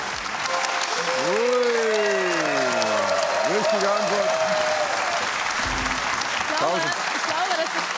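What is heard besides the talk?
loud applause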